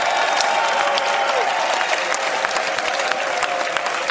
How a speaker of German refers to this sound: Dann gibt's den größten Applaus jetzt in die Schweiz.